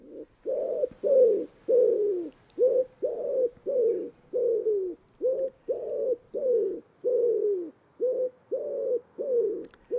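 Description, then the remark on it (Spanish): A common wood pigeon (Columba palumbus) coos in an open landscape of fields, vineyards and wetlands on the Setúbal peninsula: a long, steady series of soft, low, hollow notes repeating in a rhythmic pattern, clear and fairly loud, with no voices. “Y en este paisaje abierto aparecen ahora las palomas torcaces, nombre científico, Columba palumbus.”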